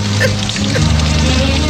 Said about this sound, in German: Wollen Sie mich reinlassen? Warum denn? Weil es in Strömen gießt.